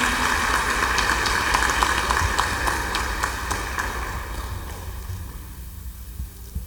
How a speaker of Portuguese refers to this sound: Uma salva de palmas acolhendo na comunidade.